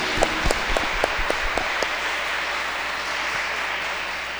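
A burst of applause from a small group, with distinct sharp claps for the first couple of seconds that blur into a steady, hissy wash of clapping and noise, with no one speaking.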